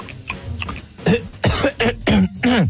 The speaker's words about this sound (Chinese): 那你干嘛咳嗽啊？ 我早上起来不是没喝水吗？渴了，我喝点水就行。